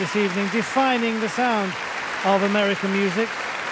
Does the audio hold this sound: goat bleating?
no